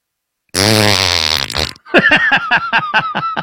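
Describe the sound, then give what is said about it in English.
A loud, long, buzzing fart rips for over a second, then gives way to a quick, steady run of rhythmic pulses. “For those who couldn't tell, that was … letting a beefy fart and then walking out of the room.”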